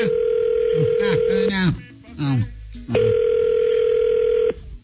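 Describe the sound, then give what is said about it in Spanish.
A phone call being placed: two long, steady, buzzing ring tones on the line, separated by a short stretch of voices talking before the tone resumes. “Ok, vamos a marcarle ahorita.”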